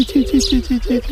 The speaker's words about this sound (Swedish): Ja, det var gravande också där.